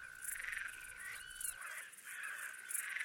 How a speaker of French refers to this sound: Site du Malsaucy, mercredi 9 juillet 2003. Fin de la nuit, près de l'observatoire. Quelques insectes au nom poétique. Une grande sauterelle verte.